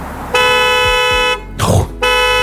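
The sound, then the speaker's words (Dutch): A car horn blares loudly in two long, steady blasts separated by a short break, with a brief rustle or thump in the gap and low engine rumble underneath; a Chinese car's warning system sounds the horn after the car is locked with someone still on the back seat. “Ja, echt hard beginnen toeteren, maar ja, het lijkt mij wel top dat het bestaat.”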